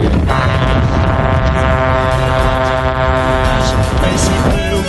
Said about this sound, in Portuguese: buzinando com tudo aqui na Band